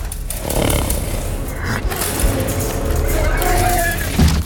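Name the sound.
horses screaming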